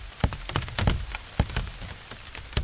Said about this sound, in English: I must have looked a little crazy with a microphone as if I was interviewing these various plants, listening to their various sounds as the rain fell on them. And these enormous drops that are like a drumstick banging on the leafy drum skins below.